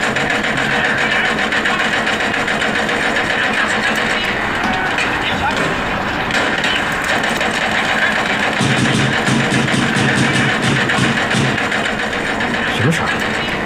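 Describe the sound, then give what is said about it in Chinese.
Renovation drilling, apparently coming from an office, runs nonstop, a loud, steady mechanical whir with a gritty buzz, turning into faster rattling pulses toward the end, while muffled voices sit faintly underneath. “哪装修啊？ 好像是你办公室传出来的。”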